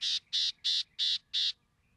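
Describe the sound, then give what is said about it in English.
Five harsh, buzzy gnatcatcher calls in a steady, evenly spaced series, each a short raspy burst, clear, with no talking. “It takes time and effort to see all four of these gnatcatchers.”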